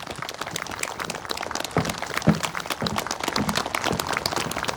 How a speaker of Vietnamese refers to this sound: Một tràng pháo tay, xin mời ông.